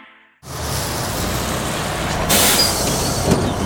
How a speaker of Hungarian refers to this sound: Megérkeztek és munkába álltak Kaposvár új autóbuszai. És már önöket szállítják. 13 új, tisztán elektromos BYD busz állt forgalomba Kaposváron, a már ugyancsak közlekedő két MAN MIDI busz mellett.